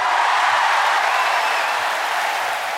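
Roaring applause from the audience after a sung performance at the 1984 Wiesen jazz festival in Burgenland, a dense, steady wash of many hands clapping at once, loud throughout and easing off only slightly toward the end.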